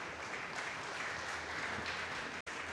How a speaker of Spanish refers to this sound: Amén. Den un fuerte aplauso a Cristo.